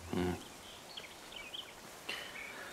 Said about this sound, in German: Die Wölfe? Wildschweine. Die wissen genau, wenn Menschen lange an einem Ort sind, dann muss es was Spannendes geben.